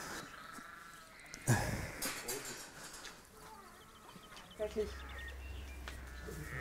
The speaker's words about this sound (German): Das ist ein Schaf.